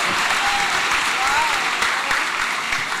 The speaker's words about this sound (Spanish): Fuerte el aplauso.